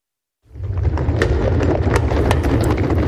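A herd of cattle stampedes at night: a heavy, continuous rumble of many pounding hooves, a dense thundering clatter with sharp hoof strikes over a deep roar, starting suddenly and staying loud throughout. No voices.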